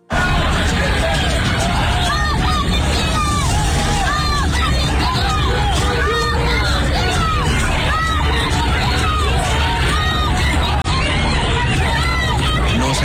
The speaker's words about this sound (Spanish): Después de esto se desataron una serie de protestas que se han mantenido durante horas justo en esa zona y en Austin, Texas. Así se han escuchado algunas de esas manifestaciones.